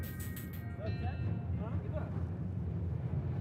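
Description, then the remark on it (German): Heavy, steady wind roars and buffets around rattling empty freight wagons of a train running between Nouadhibou and Zuerat, with travellers sitting in a wagon, a constant low rumble filling the whole stretch, with faint voices briefly audible in the background. “Der Wind ist stark und die Waggons wackeln.”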